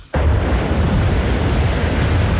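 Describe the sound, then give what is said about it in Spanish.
A loud, dense roar of heavy surf and strong wind from ocean waves 10 to 11 metres high striking Wellington amid wind and rain starts abruptly and keeps churning without a break, overwhelming, with deep rumbling beneath a hissing spray-like wash and no voices. “8.000 kilómetros de Filipinas, y allá están enfrentando lo que llaman ellos océanos monstruosos, que se escuchan así.”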